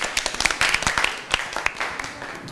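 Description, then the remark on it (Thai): A group of students applauding their classmates together at the teacher's request, a dense patter of quick overlapping claps lasting a couple of seconds, moderately loud, with a few voices faintly mixed in. “ดอกลีลาวดีดอกดาวเรืองและใบมะม่วงปรบมือให้เพื่อนหน่อยครับ”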